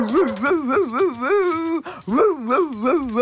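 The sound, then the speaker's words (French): A voice imitates a three-legged dog barking loudly toward the street at a passerby, a rapid run of yelping, wavering barks, broken by a brief pause before another urgent burst. “Le chien aboie de toutes ses forces en direction de la rue.”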